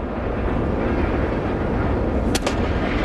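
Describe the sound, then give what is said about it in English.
An 0-1 pitch to Connor Norby in the bottom of the fourth inning of a Marlins–Braves game smacks into a catcher's mitt with one sharp, loud pop and a quick echo around the ballpark, rising briefly above a steady, low crowd murmur in the afternoon. “0-1 pops the mitt. That missed, and the sound goes echoing all over this ballpark here this afternoon.”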